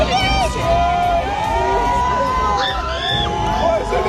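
A dense crowd of fans in front of a hotel screams and cheers continuously at a star's arrival, with high-pitched shrieks and whoops rising over loud, steady roaring noise, energetic throughout.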